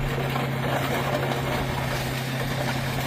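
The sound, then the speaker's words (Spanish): An excavator drives over stacked illegal motorcycles lying like dominoes in New York, its engine droning in a loud, steady, low mechanical rumble that runs continuously, with no talking. Several excavators are destroying over 200 illegal motorcycles in a police operation. “Así suena el momento suena, en el que sí, la excavadora pasa por encima de estas motos que están apiladas y tumbadas como fichas de dominó.”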